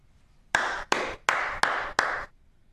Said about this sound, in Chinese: 性格不合，离了婚倒也不至于鼓掌庆祝吧？ 哎，我可不是为你们离婚的事儿鼓掌，我是为你刚才对性格不合的分析鼓掌，确实见解独到